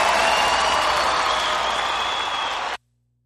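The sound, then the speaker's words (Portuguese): A crowd on a Rádio Canção Nova program applauds loudly and steadily, a dense wash of many hands clapping at once with no pauses, then it cuts off abruptly into silence. “Uma salva de palmas para vocês, vocês foram demais.”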